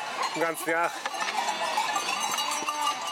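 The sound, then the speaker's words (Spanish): A flock of sheep bleats, a couple of wavering calls near the start, while clanking bells and a busy outdoor rustle continue steadily throughout. “Las ovejas son su vida.”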